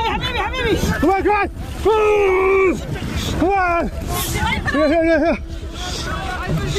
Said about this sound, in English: We're taking you somewhere no news organisation or reporter has ever gone before. Inside an illegal migrant small boat across the English Channel.